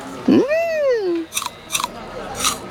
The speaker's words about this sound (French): une pomme verte. Tu veux croquer dedans ?